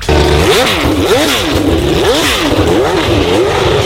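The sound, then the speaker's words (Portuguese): A loud Formula 1 racing engine revs repeatedly, its pitch sweeping up and down in quick surges as it accelerates, continuous with no voices. “É hora de falar de esporte e a gente começa com tudo, acelerando.”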